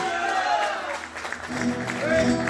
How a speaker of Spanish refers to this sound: Gracias, amigo, por ese fondito del estilo pampeano. Qué bueno, vamos a despedirlo con un aplauso grande.